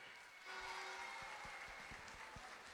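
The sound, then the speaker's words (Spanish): A crowd breaks into loud, sustained applause in a gymnasium in Tomé, Chile, welcoming the commune's mayor, Ítalo Cáceres Lizana, at a national championship, a dense wash of clapping that starts abruptly and holds steady, with occasional heavier thumps underneath and no voices. “de esta comisión de nuestro campeonato nacional y además que es nuestro alcalde, quiero que lo recibamos con un tremendo y caluroso aplauso, por favor, con todo cariño, a don Ítalo Cáceres Lizana, alcalde de la comuna de Tomé.”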